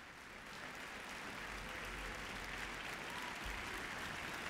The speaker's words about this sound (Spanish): Todos de pie, reciben el aplauso del público.